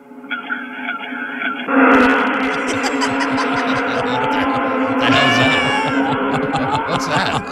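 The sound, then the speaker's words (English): A voice, with no special effects, imitates students being stung by yellowjackets: a loud, unbroken jumble of buzzing, screeching and yelping that grows denser after a thinner opening and keeps going for several seconds. “Students being stung by yellow jackets.”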